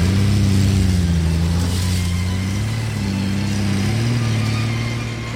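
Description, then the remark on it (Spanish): A car engine runs steadily, its low hum rising and dipping slightly as if driving at varying speed, with no other sounds or voices. “¿Pero es que está loco? Mire cómo me volvió el carro.”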